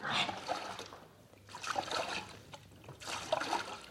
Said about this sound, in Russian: И мы подошли на весла к другому берегу водохранилища.